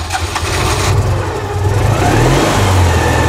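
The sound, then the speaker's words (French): A small Citroën 2CV car engine runs, its buzzy two-cylinder note climbing in pitch as it revs up steadily over a few seconds, with no voices. “Oui, l'occasion d'ailleurs d'écouter une autre petite musique.”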